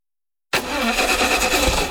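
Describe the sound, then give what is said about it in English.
After a short silence, a car engine suddenly cranks and churns loudly, sputtering unevenly as it strains to turn over, with no voices. “Looks like you're having some car troubles.”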